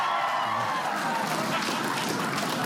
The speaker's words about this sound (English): I'm curious about this crowd. A little survey by a round of applause. How many of you plan on partying all night long tonight by a round of applause? And how many of you want to be in bed by 11:30? By a round.